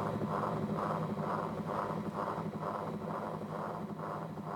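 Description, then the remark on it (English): Whirlies spinning produce a steady, rushing drone with a rhythmic whoosh that pulses about twice a second, loud and continuous throughout, with no voices; the whirlies rotate while an LP soundtrack plays. “So the soundtrack, which is the LP, is playing, but you can also hear underneath, you know, the sound of the whirlies themselves as they rotate.”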